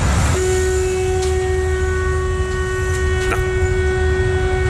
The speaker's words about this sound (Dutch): Heb je geen rare toeter? Ja, we hebben meerdere opties.